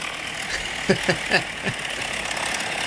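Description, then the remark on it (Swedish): A propeller plane for spotting fires roars as it takes off, a steady, droning engine sound, a constant broad rumble, with a few brief vocal sounds briefly rising over it partway through. “Ja, visst var det ett propellerflyg, va? Ett riktigt old school. Liksom motorflyg.”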